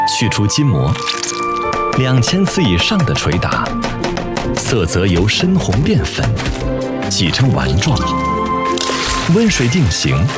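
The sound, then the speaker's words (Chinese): Fresh beef hind leg, with its membranes removed, pounded by hand over 2000 times into Chaoshan beef meatball paste as its colour turns from deep red to pink, a steady run of rapid wet thuds and slaps, loud, with a voice talking over them throughout. “去除筋膜，2000次以上的捶打，色泽由深红变粉，挤成丸状，温水定型，大火熬煮，香嫩、弹、滑，成为了潮汕牛肉丸独有的特点。”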